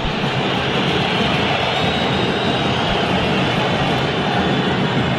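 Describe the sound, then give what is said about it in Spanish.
A massive stadium crowd of Racing fans in Avellaneda whistles in disapproval as the referee ends the football match, a loud, unbroken wall of shrill, hissing noise that holds steady for the whole stretch with no voices standing out. “Escuchemos los silbidos y ahora seguimos.”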